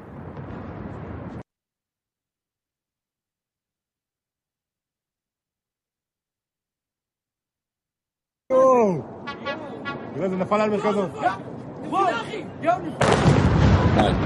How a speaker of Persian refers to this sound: آها اینم مربوط به شلیک این موشک هست.